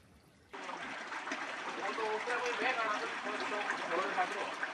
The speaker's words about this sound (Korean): 마을 한가운데를 가로지르는 맑은 개울물은 윗마을과 아랫마을을 나누는 경계이자 메마른 골짜기를 적시는 소중한 생명수죠.